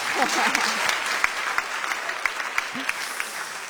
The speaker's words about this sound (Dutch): Echt een feestje. Woehoe! Applaus!